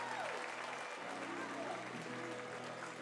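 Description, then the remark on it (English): A large baseball stadium crowd cheers and applauds after a 3-6-3 double play in a steady, dense roar lasting the full few seconds, with scattered voices and whistles rising out of the wash of noise. “I can't tell if that's a Bronx cheer or that's genuine excitement from the Tower Buzzer fans watching them turn two.”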